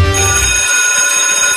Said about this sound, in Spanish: Apenas sonaba la campana que anunciaba la finalización de las clases